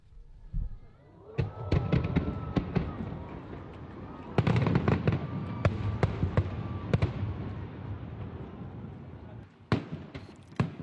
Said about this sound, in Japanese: 花火が見えました。 見えましたか、はい、よかった。 なんか本当にこう一緒に見えている感覚になるというか、はい、ラジオの距離の近さも生かされている感じがしますし、いいですね、このラジオで聞く花火大会。